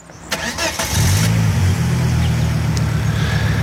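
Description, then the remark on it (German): The engine of a silver 1990s Volvo car turns over and catches, then settles into a steady, loud low rumble, with a brief rev as it starts. “Der Motor ist von einem silbrigen Volvo aus den 90er Jahren.”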